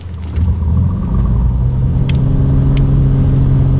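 A small six-seater propeller plane's engine revs up, a loud, steady low drone with a humming tone that swells after the first half-second and holds, with a few faint clicks on top.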